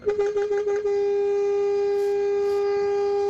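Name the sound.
truck horn blast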